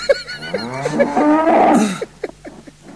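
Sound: cow mooing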